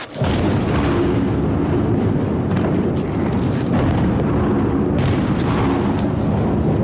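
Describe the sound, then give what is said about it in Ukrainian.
Heavy explosions rumble through the centre of Sloviansk, Ukraine, at 15:30, a loud continuous low roar broken by several deeper booms at irregular intervals, with no voices. “Центр міста Слов'янськ, 15:30. Чутно вибухи.”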